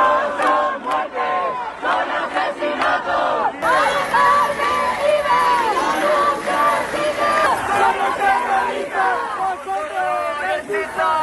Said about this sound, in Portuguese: Os manifestantes gritaram que Mari Carmen não morreu, foi assassinada.